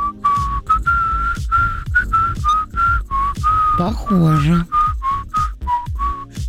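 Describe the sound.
A person whistles a catchy, rhythmic TV series theme tune, steady clear notes repeating in short phrases, with a brief spoken word and some background movement partway through.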